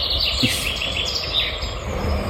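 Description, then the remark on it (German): Birdsong in an outdoor setting, with a woodpecker and a little owl among the chorus of chirps and calls over a steady background hiss. No one speaks. “Specht und Käuzchen habe ich gehört, den Rest kann ich nicht identifizieren.”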